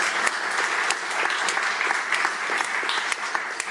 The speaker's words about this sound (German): einen großen Applaus für unsere tolle Kunsterklärerin.